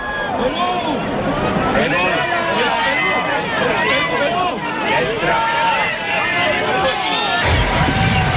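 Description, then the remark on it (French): A large crowd of pilgrims in St. Peter's Square, Rome, acclaims the Pope at the Wednesday general audience, cheering and calling out in a steady, dense roar of many overlapping voices, with rising shouts and whoops throughout and no single speaker standing out. “Avec le pape qui est acclamé par la foule des pèlerins, nous allons participer à l'audience générale de ce mercredi 17 juin 2026.”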